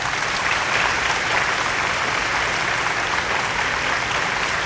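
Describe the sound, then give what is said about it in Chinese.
A crowd of schoolchildren applauds steadily to welcome a visiting author, a dense, continuous wash of clapping that stays loud and even throughout, with no voices rising above it. “同学们，米兰老师还把作家丁爷爷请来了，大家鼓掌欢迎。”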